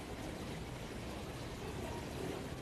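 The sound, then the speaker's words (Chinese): Constant-temperature purified water, the kind used for washing sea cucumbers, runs steadily into a cup for someone to drink, a continuous hissing pour that holds an even level for a couple of seconds, with no voices over it. “现场给他来接上一杯。”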